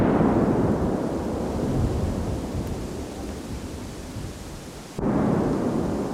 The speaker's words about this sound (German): Es knallt, der Boden vibriert. 5 große Einzeldetonationen sind direkt nacheinander hör- und spürbar.